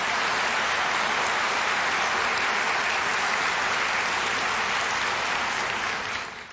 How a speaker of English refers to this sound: Now, if you're going to clap, let's clap. Come on.